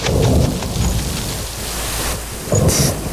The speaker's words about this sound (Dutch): Woezel, Pip. Gaan jullie snel naar binnen. Het gaat regenen.